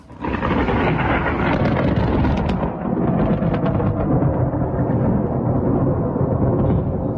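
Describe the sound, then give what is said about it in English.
Thunder from an overnight lightning storm during a heat wave in Eastbourne rolls and rumbles continuously, loud and deep, with sharper crackling peaks early on before settling into a sustained low growl. No voices are heard. “This is what the sky sounded like overnight in Eastbourne.”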